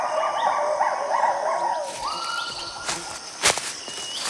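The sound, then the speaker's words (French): Two lar gibbons calling in the Khao Yai forest, Thailand, in a series of rising, looping whoops, bright and musical, overlapping for the first two seconds, then a single sustained note trailing off amid a few sharp clicks. “Ce sont deux gibbons lards. On dirait qu'ils communiquent.”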